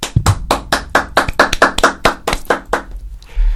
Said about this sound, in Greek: Χειροκροτηθείτε μόνοι σας.